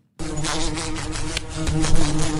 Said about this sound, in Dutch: Dit is het geluid dat we kennen van de wesp die zo tegen het raam of tegen een lamp botst. Ja. Is dat niet het universele geluid dat van de wesp?